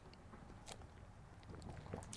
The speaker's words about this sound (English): I need another sip of water here.